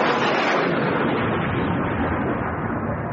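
thunder and heavy rain

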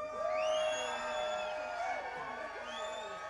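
crowd cheering

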